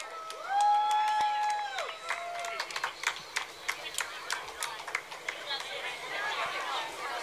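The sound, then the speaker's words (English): A parade crowd in Nebraska claps steadily for the parade marshal, the Kid Governor, scattered and uneven, with cheers and whoops rising over the applause at the start before the clapping carries on alone at a moderate level. “Please give a warm round of applause to our parade marshal”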